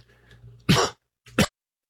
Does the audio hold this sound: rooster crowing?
no